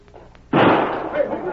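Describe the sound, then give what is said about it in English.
A single loud gunshot, a shot that narrowly misses a man named Hawk, bursts in abruptly after a quiet, murmuring lead-in, its harsh crack spreading into a long, rough, echoing tail that slowly fades. “Didn't get hit, did you, Hawk? That was in it. That one came so close I could hear it whistle.”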